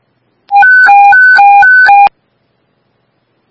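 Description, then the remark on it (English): A loud, electronic alert tone flips rapidly between a low and a high pitch for about a second and a half: a fire dispatch paging signal for Central Engine 5, sent for a residential fire alarm, played alone and ending abruptly. “Central Engine 5, paging for a residential fire alarm.”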